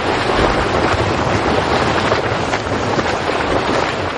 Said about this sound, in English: Steam bubbles rise, pushing water up through a narrow channel. As the column of water lifts, it gets lighter. Finally, water at the very bottom turns to steam, causing an explosive eruption of water and steam.